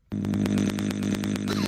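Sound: voice imitating a chainsaw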